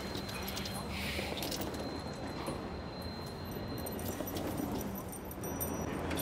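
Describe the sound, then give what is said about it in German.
Keys jangle briefly as a house key is handed over as a small gift, a light metallic jingle with scattered clinks, against a dense, noisy background with voices murmuring. “Kleines Geschenk. Dein eigener Schlüssel.”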